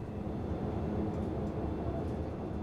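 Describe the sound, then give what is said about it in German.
A steady, dense low rumble of a train rolling along the rails, continuous, with no voices over it. “Der Zug hier, der hat in Bad Klein nachher einen etwas längeren Aufenthalt.”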